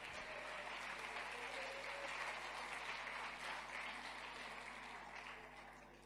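A crowd claps steadily and densely for several seconds in applause to God, a sustained wash of clapping before gradually tapering off at the end.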